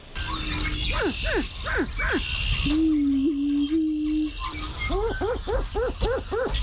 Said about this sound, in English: you'll give us your best darn version of a Greater Prairie Chicken mating call. You ready? All right. All right, here you go. This is the sound we need you to imitate.